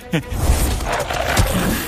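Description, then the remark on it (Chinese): A giant dog-like beast, the guardian beast of a pagoda's top level, roars loudly, a harsh, rumbling growl that swells quickly and holds for about two seconds without a break. “这条大狗是宝塔顶层的守护兽，它的第三只眼睛也会产生幻象迷惑人。”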